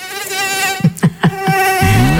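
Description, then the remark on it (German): A mosquito's thin, high-pitched whine drones steadily, broken midway by a few short dull thumps before the buzzing carries on, rising slightly in pitch at the end. “Mücken gibt es mal dieses Jahr weniger als sonst, wegen der Trockenheit.”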